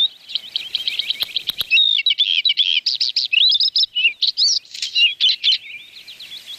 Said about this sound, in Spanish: Bueno, vamos a escuchar el sonido del pájaro del que vamos a hablar hoy.